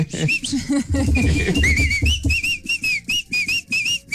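A person whistles the melody of a song, the notes rising and falling in a series of short phrases, with some low background noise and murmuring early on before the whistling continues alone.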